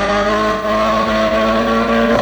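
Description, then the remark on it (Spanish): A rally car engine roars loudly and steadily, holding a strong droning pitch before revving slightly higher at the very end, with no voices: Sami Pajari's car racing live on a stage of the World Rally Championship. “La música de los motores del Rally Mundial”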